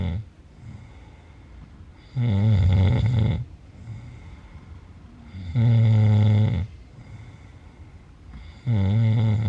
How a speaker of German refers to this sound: Dies ist ein Grenzfall von Schnarchen, denn das vollklingende, im Schlaf erzeugte Schnorcheln, Krächzen, Schaben oder Würgen ist hier sehr schlecht ausgeprägt. Der Kenner hört hier höchstens einen Ansatz von Zischen heraus.